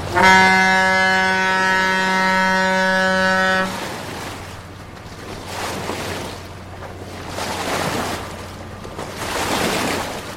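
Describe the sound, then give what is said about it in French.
A large cargo barge sounds one long, loud horn blast, then its low engine rumble and the wash of churning water carry on as it passes, making big waves. “Et il y a aussi des monstres beaucoup plus conséquents, hein, qui passent et qui font des grosses vagues.”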